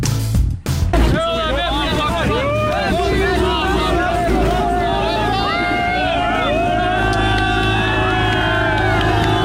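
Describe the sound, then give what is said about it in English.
A crowd of people on a small boat in the English Channel, on their way to Britain, cheers and whoops excitedly over the steady drone of the boat engine, voices overlapping in a continuous noisy babble, with water and wind noise underneath. “cheering on their way to Britain.”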